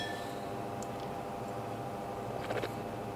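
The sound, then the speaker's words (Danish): Wine glasses clink together in a mid-morning toast, a short cluster of bright chimes near the end, with a fainter tap earlier over a quiet background hum. “Og jeg fraviger ikke det her princip, at vi skal have en glas vin med. Skål. Skål.”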